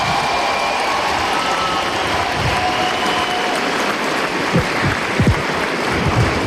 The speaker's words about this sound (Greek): Ναι, ναι, χειροκροτήστε την, χειροκροτήστε την.